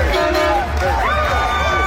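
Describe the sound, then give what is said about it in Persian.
A loud, unbroken roar of a celebrating crowd in the streets of Norway, with overlapping shouts and cheers and a few tooting horns rising through the din. “این سر صداهای خیابان‌های نروژ.”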